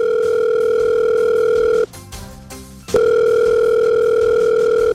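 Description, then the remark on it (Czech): A steady, loud telephone tone hums alone, breaks off for about a second of buzzy, clicking dialing sounds as the regional governor (hejtman) is dialed, then the same continuous tone returns and holds to the end. “No tak vytočte pana hejtmana, ten bude vědět.”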